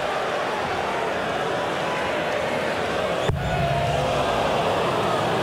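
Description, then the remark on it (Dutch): A big darts crowd at a tournament cheers and roars as player Adam Leake gets them going, needing 154 to stay in the match, a dense, unbroken wall of noise with one short sharp knock partway through, after which the din swells a little louder. “Pept het publiek nog een keertje op.”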